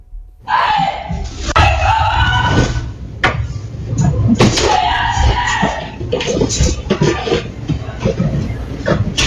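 Influencer Rocío Osorno screams loudly and repeatedly in panic at intruders in her home, her cries rising and breaking, over a chaotic background of thuds and banging that sounds like doors or furniture being struck.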